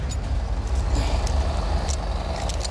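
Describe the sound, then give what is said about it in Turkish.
A heavy truck engine roars at full throttle as it pulls with a winch, anchored to a tree, one of two trucks: a loud, steady low rumble that holds for the whole stretch, with a few brief hissing bursts on top and no voices. “Artık elimizde iki çapa, yani ağaçlar, bir sürü donanım ve iki kamyon var. Tam gaz ileri.”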